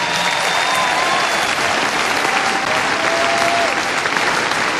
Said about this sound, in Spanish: Bendito Dios. Yo quiero que le demos un aplauso a toda la gente del Sembrador en este instante.